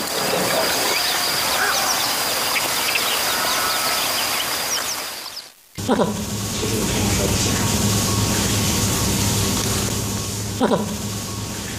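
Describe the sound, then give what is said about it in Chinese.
Trained cormorants on a fishing boat on Erhai Lake in Dali, Yunnan, China, give harsh, honking calls over a steady wash of noise from open water. There's a brief drop to near-silence midway, then calls and noise resume, with louder bursts near the end. “在主人歌声的引导下，鱼鹰捕到鱼后会主动靠船把猎物交给主人。”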